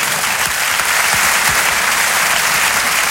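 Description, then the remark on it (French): Steady, dense applause from an audience for the artist Muriel Robin fills the whole stretch, a loud continuous patter of many hands clapping with no pauses and no voices standing out. “On applaudit l'artiste.”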